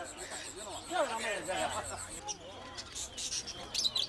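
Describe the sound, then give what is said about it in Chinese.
Small caged birds for sale at a rural market chirp in quick, busy bursts of high, twittering calls over a murmur of market chatter and background bustle. “这还没走两步，就吵着闹着要买只小鸟带回家。”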